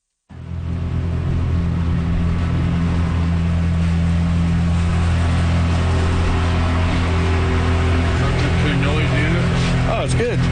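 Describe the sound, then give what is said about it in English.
The motor of a 24-foot pontoon boat heading over to Mud Lake runs with a steady, low droning hum and layered engine tones that hold constant throughout, with a voice faintly audible toward the end. “This is a 24-foot pontoon boat.”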